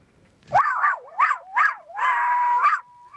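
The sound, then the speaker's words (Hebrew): A person imitates a chihuahua with high, yappy barks as part of a barking contest: a few quick rising yips followed by one long, drawn-out whining bark, fairly loud with no other voices. “כן, כמו צ'יוואווה. זהו, זה נשמע צ'יוואווה,”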